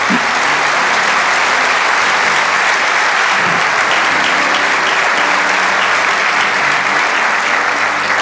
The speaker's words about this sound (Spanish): Así que dale un aplauso al Señor.